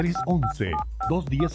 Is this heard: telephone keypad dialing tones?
yes